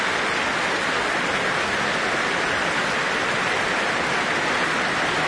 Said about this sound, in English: And alongside them now, for this rapturous applause, sopranos Ava Zytek and Janine DeBeek and bass baritone Florian Sturz.